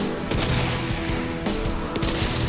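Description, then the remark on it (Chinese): A series of small explosive bangs and pops, set off to disturb snipers during sniper shooting, burst out over a dense, continuous roar, with several sharp blasts standing out at irregular intervals. No one speaks. “听到了吗？这个小的爆炸的声音，其实就是对狙击手的一个干扰。”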